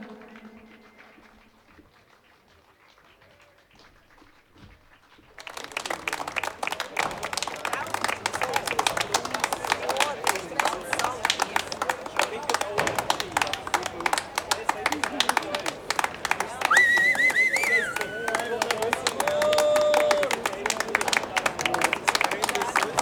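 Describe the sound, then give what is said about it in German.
After a few seconds of near silence, a large audience breaks into loud, dense applause after a live stage performance, continuing steadily to the end, with a few whistles and cheers rising above the clapping. “Es gibt Applaus, definitiv.”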